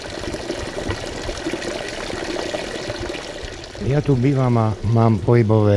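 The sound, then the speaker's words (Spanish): Water from a healing spring at a spa pours and splashes in a steady stream for several seconds, then a person begins talking while the flow continues underneath. “Sin embargo, al entrar en el Spa Afrodite, lo primero que a mí me llamó la atención fue el manantial curativo, cuya agua tiene un sabor excelente.”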